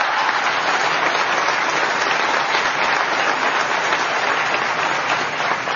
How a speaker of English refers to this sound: I think she also deserves another round of applause.